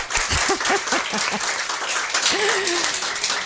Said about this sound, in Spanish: Nos podemos reír un poco, ¿eh? Podemos aplaudir para que se note que estamos aquí. Venga.